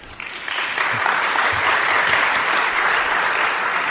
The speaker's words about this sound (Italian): Intanto grazie, perché sentire il pensiero è sempre una cosa bella, che esiste ancora il pensiero, per cui un applauso a voi, grazie.